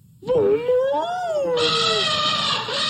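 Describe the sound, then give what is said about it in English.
Two elephants trumpet loudly: a wavering, wailing call swells into a harsh, brassy blare held for a couple of seconds, with no talking around it. “They both trumpeted as loudly as they could.”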